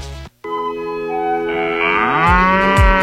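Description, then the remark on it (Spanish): A cow lets out a long, loud moo that swells and rises in pitch toward the end, heard alone after a brief gap of silence, in a radio advertisement for the restaurant La Vaca Lupe. “Despierta con el sabor de la Vaca Lupe en la ciudad.”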